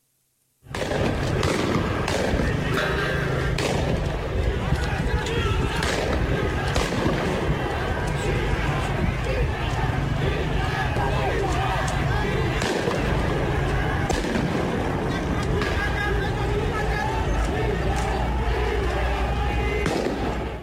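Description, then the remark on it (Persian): Repeated sharp bangs and cracks of gunfire by security forces, shooting from atop the historic Haft Cheshmeh bridge beside Yahyavi Square in the city of Ardabil, ring out in quick, irregular bursts over a dense, continuous roar of a large crowd outdoors, with voices shouting throughout. “که تیراندازی ماموران رو نشون میده از بالای پل تاریخی در شهر اردبیل.”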